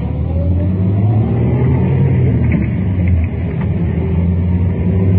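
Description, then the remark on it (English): A car engine accelerates as the car makes a U-turn in traffic, its loud low drone climbing steadily in pitch for several seconds, with road and interior rumble underneath and no one speaking. “Now, in just a couple more moments, we should get a shot to make that U-turn.”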